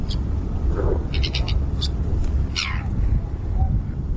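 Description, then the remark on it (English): A tern calls with a string of harsh, raspy, high-pitched notes, some clipped and some drawn out and falling, over a steady low rumble of background noise. “But this is what a tern sounds like.”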